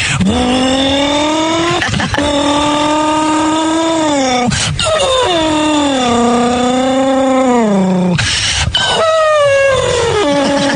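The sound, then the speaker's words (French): A person vocally imitates a race car engine, producing loud, sustained revving tones that rise and fall in pitch, broken by a few quick breaths between long bursts. “Et puis travailler aussi comme j'aimais bien faire le bruit de la voiture de course aussi.”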